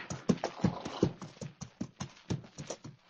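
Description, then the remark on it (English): Stagecoach horses' hooves clip-clop in a steady, brisk rhythm, a string of sharp knocking beats at moderate loudness with no voices over them. “It's the stagecoach, all right.”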